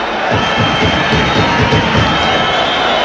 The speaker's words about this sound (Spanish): Celebra la grada.